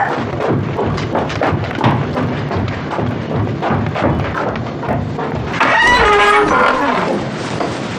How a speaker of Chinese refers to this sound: 赶鸭子，别乱跑啊！